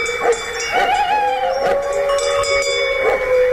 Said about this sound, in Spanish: Lejos, no era un peligro. Sí, está lejos, pero ladra el perro ya avisando.